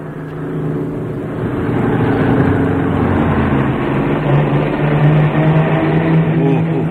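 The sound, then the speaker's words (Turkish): A loud racing car engine roars steadily for several seconds, its droning tone climbing slightly as the car speeds along very fast, dominant with no voices. “Çok süratli gidiyor, kaza yapacaklar.”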